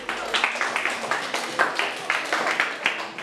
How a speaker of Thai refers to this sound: โอ้สิงห์บุรีเก่งมากๆเลยครับถูกต้องปรบมือเพื่อนมาหน่อย